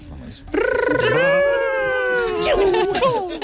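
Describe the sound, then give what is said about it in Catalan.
A voice imitates Sonic, the blue hedgehog video game character, running very fast: a sustained, strained, high-pitched vocal whine that holds steady, wavers, then breaks into rising, warbling bursts toward the end. “I de, heu de fer el Ronald d'en Sonic corrent molt ràpid, molt ràpid, molt ràpid.”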